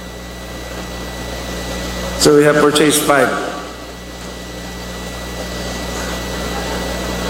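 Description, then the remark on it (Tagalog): Steady, droning buzz from the rotors of a 10-liter capacity agricultural drone sprayer, one of five new units used to spray farm chemicals in Pagadian city, runs continuously at moderate loudness, with a man speaking briefly over it partway through. “It's our new 5 units of 10-liter capacity drone sprayer.”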